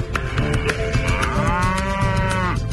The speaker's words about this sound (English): Hundreds of cattle plunge into the dam daily, splashing through the water. Their hooves churn up the mud.